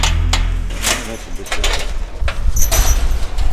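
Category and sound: household object, door being opened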